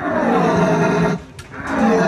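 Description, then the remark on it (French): A person imitates the rutting bellow of a red deer at a deer-call imitation competition in Saint-Hubert: a deep, drawn-out, loud roaring bellow, a brief pause, then a second swelling bellow, with no talking. “Des passionnés qui vont jusqu'à imiter le brame du cerf.”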